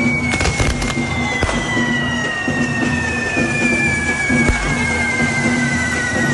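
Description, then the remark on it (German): Rapid crackling bursts of firecrackers at an evening correfoc fire-run on El Peñón beach on the island, sharp bangs clustering irregularly over a steady roar, with a shrill whistling tone sliding slowly downward throughout and a low droning hum underneath. “Heute Abend wird es feurig hier bei uns auf der Insel beim Korifok”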